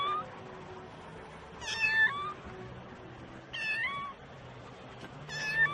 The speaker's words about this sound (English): Hier ist eine Katze. The Cat ist hier. Oh. So eine kleine Katze.